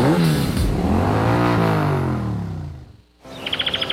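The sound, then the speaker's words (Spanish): A Yamaha Crux motorcycle engine revs up loudly, its pitch climbing and then sinking as it eases off, followed by a brief hush and a quick run of high, bright chirps. “¿Y si con eso mismo pudieras pagar tu propia moto? La Yamaha Crux es económica y confiable.”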